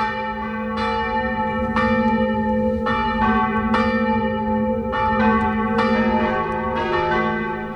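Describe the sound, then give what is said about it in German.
Several church bells of the baroque parish and monastery church Maria Himmelfahrt in Gars am Inn, Upper Bavaria, Germany, ring together shortly before noon in a full, continuous peal, their strikes overlapping in an irregular rhythm with a rich, sustained hum of resonant tones, loud and steady throughout, with no voices. “Und das heutige Glockengeläut kurz vor 12 Uhr kommt heute aus Gars am Inn von der Pfarr- und Klosterkirche Maria Himmelfahrt.”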